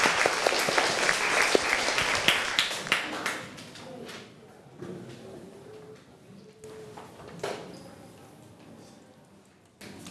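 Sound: classroom applause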